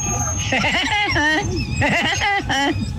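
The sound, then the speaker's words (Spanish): A voice imitates Woody Woodpecker's (el Pájaro Loco) laugh as a hidden-talent entry on Tropicana: loud, high, warbling bursts that rise and fall in quick rhythmic runs, repeated in about three waves over a few seconds. “Mi talento oculto Tropicana es ser como el pájaro loco.”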